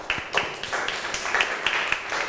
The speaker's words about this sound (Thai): โอเคค่ะขอเสียงปรบมือให้กับเพื่อนของเราด้วยนั่นเองนะคะ